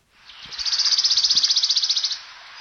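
A wood warbler's fast, shimmering trill: a single loud run of rapid high notes that speeds into a dry, even rattle for about two seconds, then stops cleanly, with no voices.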